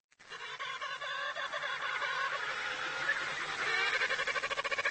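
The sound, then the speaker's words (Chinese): Among thousands of penguin chicks, chicks call loudly and insistently for their mothers to feed them, a dense chorus of shrill, warbling cries that overlap continuously and grow into rapid pulsing trills near the end, with no talking. “小企鹅叫得更响了，急切地希望得到母亲喂食。”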